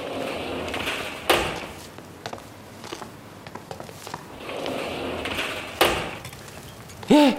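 A door is opened to release a prisoner, with a couple of sharp clanks and a scraping, rattling slide, set against a hissy background; a brief voice cuts in right at the end.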